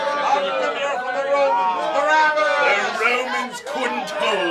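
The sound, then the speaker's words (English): A dense crowd at the release of Barabbas chatters continuously, many overlapping voices forming a steady, fairly loud babble with no single speaker standing out, a few higher shouts rising briefly near the end. “Can't this crowd see he's a murderer?”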